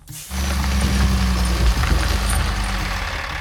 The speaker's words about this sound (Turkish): Kamyon mu? Baba, lütfen paramızı bu şeye harcamadığımızı söyle.